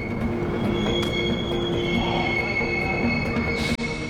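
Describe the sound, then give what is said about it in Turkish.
Rail wagons roll one after another over the hump of a hump yard, a continuous low rumble of wheels with high, sustained metallic squeals ringing above it and a few sharp clanks, fairly loud. “Vagonların her biri birbiri ardına tepeyi açtıkça”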